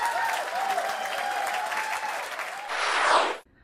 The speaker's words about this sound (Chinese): 这么亮眼的成绩单，此处必须有掌声。